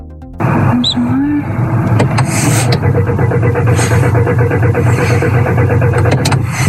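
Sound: car engine cranking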